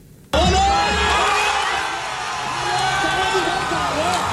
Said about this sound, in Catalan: Perquè amb aquests crits, milers de palestins des de Ramallah a Cisjordània celebraven els dos gols d'Egipte en el partit que estem explicant.